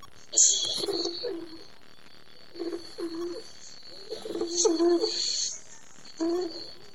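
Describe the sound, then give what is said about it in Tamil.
A white dove coos in a few soft, throaty bursts spaced a second or two apart, over a faint steady high-pitched hum in the background. “நான் தான் தேவனால் படைக்கப்பட்ட வெண்புறா.”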